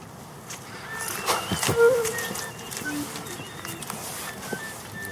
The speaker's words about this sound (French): De la mésange derrière. Bon, là, il n'y a pas encore beaucoup de chants, mais. Mais c'est plutôt des cris.